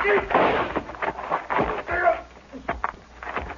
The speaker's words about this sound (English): Rifle went off when I knocked it aside.